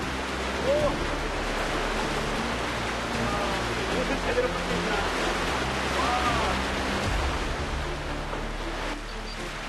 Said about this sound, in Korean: 이 물소리 들리시죠? 발 아래로 계곡물이 세차게 흐릅니다.